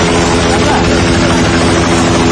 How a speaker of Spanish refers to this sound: Es el sonido de los helicópteros en Nepal que continúan haciendo labores de búsqueda tras las gravísimas riadas del pasado miércoles en la frontera con el Tíbet, provocadas por ese colapso de un glaciar.